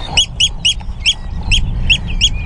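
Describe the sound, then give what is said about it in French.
A Eurasian oystercatcher calls on the salt marshes of the Hallig Nordstrandischmoor in June, a rapid, steady series of about seven shrill, loud piping notes over a low rumbling outdoor background. “C'est un huîtrier pie.”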